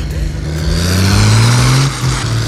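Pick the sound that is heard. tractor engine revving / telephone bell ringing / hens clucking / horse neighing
tractor engine revving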